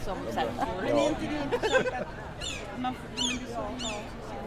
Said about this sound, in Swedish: Hör ni måsarna? Ja, nu är vi mitt i Almedalen, eller strax något utanför alldeles snart. Så är klockan 12.35 här på onsdagen i Visby